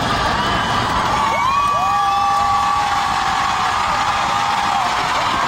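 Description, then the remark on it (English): A large concert crowd cheers and screams loudly and continuously, with high-pitched shrieks and whoops rising above a dense roar of voices, reacting as the performer on stage shows a fan's picture of her dappled sausage dog. “Which is the kind of reaction I'd expect for the best dog breed in the world.”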